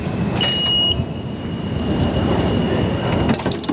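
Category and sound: vehicle, subway train ride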